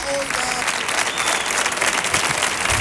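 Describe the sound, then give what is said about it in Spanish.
A thunderous ovation from a large crowd on the Comandante Lara show for guests El Capullo de Jerez and José de los Camarones: dense, sustained applause and cheering that stays loud and steady throughout, with a faint voice briefly audible at the start. “¡Atronadora la ovación, eh!”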